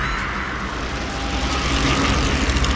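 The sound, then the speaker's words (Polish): Road bicycle tyres hum steadily over tarmac, a continuous rushing drone with low rumble that swells slightly toward the end. No voices. “To chyba kolażówka była, panie. To chyba kolażówka była. Szum opon na drodze albo w lesie. Rower.”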